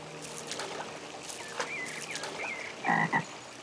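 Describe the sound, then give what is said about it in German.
Frogs croak at a garden pond ringed by natural stone walls, in a garden bordered by hedges and trees, a steady chorus of rasping calls with a few louder croaks near the end, over a faint outdoor background. “Ob Frösche, Eidechsen, Ringelnattern, Insekten. Passende Wohnräume gibt's für alle.”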